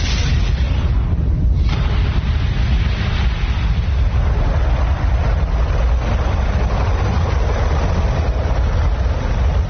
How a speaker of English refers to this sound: At 15 seconds, guidance is internal. 12, 11, 10, 9, ignition sequence start. 6, 5, 4, 3, 2, 1, 0. All engines running. We have a liftoff. Liftoff on Apollo 11.